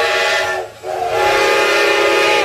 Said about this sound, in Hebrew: מה אני שומעת? צפירה של רכבת. צפירה של רכבת?